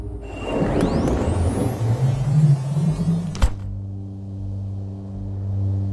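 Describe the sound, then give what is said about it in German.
A car rumbles along with a rising engine whine as it rolls toward a large building, then halts with a short thud, leaving a low steady idle humming on its own. “Wir rollen darauf zu. Und dann sehe ich diese schwarzen Streifen. Halt mal an!”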